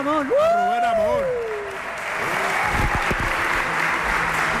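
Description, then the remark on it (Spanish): A voice speaks briefly, then an audience breaks into steady applause, a dense wash of many hands clapping that carries on loudly to the end. “Un aplauso.”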